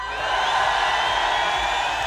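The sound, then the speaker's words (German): A dense outdoor crowd on the town hall square in Epfenbach, with no rain falling, cheers and whoops continuously, a steady wash of many voices shouting at once, loud and sustained with no single voice standing out. “Und in diesen Jubel kommt unsere Zahl.”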